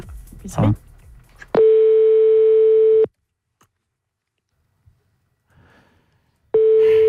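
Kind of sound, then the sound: signal or alarm, telephone ringing tone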